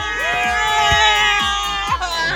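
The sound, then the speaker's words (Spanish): A loud, dense crowd in Guadalajara shouts and cheers together at a La Qué Buena radio event, a sustained roar of overlapping voices, with a few sharp thumps punctuating the noise at roughly even intervals. “Y venga ese grito de Guadalajara.”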